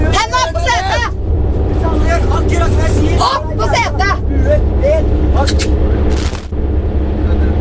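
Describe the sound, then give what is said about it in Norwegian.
A bus drives into a warehouse, its engine rumbling steadily while several people talk and call out over it, with a few brief bangs and clatters toward the end. “Bussen kjører inn i en lagerbygning, og gisselet blir ført ut.”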